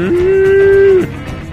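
A single long, steady cow moo rings out loud for about a second, then fades into quiet background noise. No talking.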